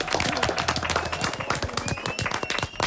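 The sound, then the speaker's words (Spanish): A burst of lively applause from a small crowd, dense overlapping claps filling about three seconds, with a faint voice murmuring beneath. “Una ballena. Molt bé, fort aplaudiment.”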